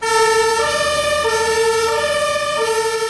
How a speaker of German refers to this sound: Welcher Autofahrer kennt es nicht? Die Ampel ist rot und von hinten kommen Einsatzfahrzeuge mit Blaulicht und Horn angerast.